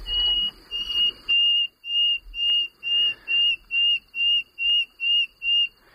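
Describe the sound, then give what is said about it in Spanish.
A common nightingale sings a phrase of about a dozen pure, whistled notes on one steady high pitch, repeated in an even rhythm and growing slightly louder, with no voices over it. “el sonido más reputado, más conocido, el más cantado y alabado es la canción del ruiseñor común”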